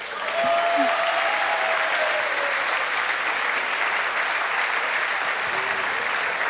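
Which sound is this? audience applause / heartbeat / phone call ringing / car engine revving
audience applause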